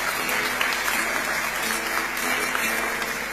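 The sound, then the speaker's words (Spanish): A crowd claps steadily for several seconds for the cook who made the locro, a dense, even patter of many hands with no pauses, fairly loud throughout. “Un aplauso. Se merece un aplauso.”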